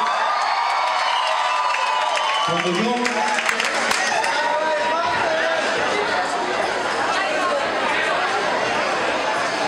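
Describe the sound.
A large crowd breaks into loud cheering and applause after a couple of seconds of quieter murmur, with scattered shouts and whoops carrying on through a sustained roar of voices.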